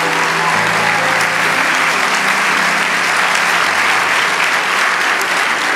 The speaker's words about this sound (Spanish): Vamos, dale ese aplauso.